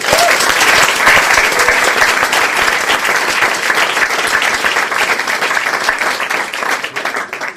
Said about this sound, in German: Liebe Menschen, begrüßen Sie bitte mit einem herzlichen Applaus Gesine Schäfer.